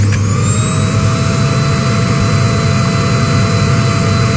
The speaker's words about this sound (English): Could be a Hoover or a hairdryer, I'd say. Well, you have to pick one. I go with Hoover. I'll give it to you. Even though Hoover's a brand name and the correct answer is vacuum cleaner, but that's because I'm a pedant.